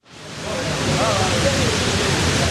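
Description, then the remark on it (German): A steady, dense roar of water falling almost 10 meters down all four sides of the two square memorial pools at the former World Trade Center site, continuous and fairly loud, with faint murmuring voices blended underneath. “Wasser stürzt an den vier Seiten ununterbrochen fast 10 Meter in die Tiefe.”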